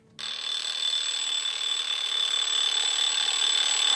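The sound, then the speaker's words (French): An alarm clock rings at 6 a.m. in one continuous, loud, bright metallic clatter that starts abruptly and keeps going without a break, with no voices. “J'éteins mon réveil. 6h, la journée commence.”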